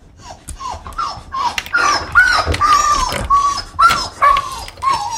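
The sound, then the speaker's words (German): A female husky gives an excited run of short yips and whining, yodel-like cries, about a dozen in quick succession with no talking. “Ruhig, Maya. Das ist bestimmt Anya.”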